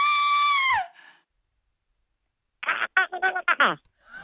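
A recording of a real, loud, sustained high-pitched human scream lasting under a second, its pitch dropping sharply at the end; after a silence, a run of short, choppy vocal bursts follows.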